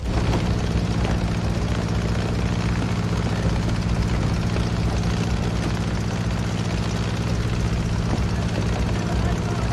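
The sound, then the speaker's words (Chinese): A propeller airplane engine runs steadily and loudly on a runway as an inexperienced pilot tries to take off into the wind, its deep droning hum holding a constant pitch and volume throughout without pause. “我们现在先回到跑道最近一点， 让飞机逆着风才能飞。”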